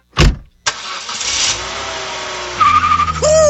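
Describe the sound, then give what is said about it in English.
A loud car roars to life with a sharp burst as thieves take it for a joyride, then its engine revs hard as tires squeal in high, wavering screeches near the end. No one speaks. “That's your car going for a joyride.”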